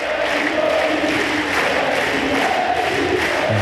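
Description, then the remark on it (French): A large tennis crowd on the Suzanne Lenglen court chants "Moïse" in unison for player Moïse Kouamé after his second-round win, a dense, steady roar of many voices that stays loud throughout, with rising group calls swelling over the din. “Et on entend, c'était sur le Suzanne Lenglen, la foule qui crie Moïse.”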